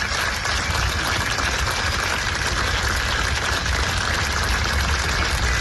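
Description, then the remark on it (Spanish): A large crowd claps steadily as a coffin leaves the Museo do Pobo Galego at a farewell, a dense wash of applause that holds at the same level throughout without pause, with no voices standing out above it. “Su féretro ha salido entre aplausos del museo.”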